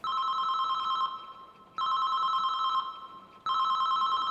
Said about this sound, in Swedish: En telefonsignal ekar i trapphuset. Det är Alfons mobil som ringer.